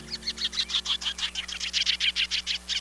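Sanderling sandpiper calls: a steady, rapid series of sharp, high-pitched chirps, around fifteen notes in quick succession, clear over a faint low background hum.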